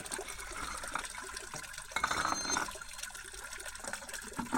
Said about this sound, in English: Water is flowing in. The water is coming in for you. The water is flowing in.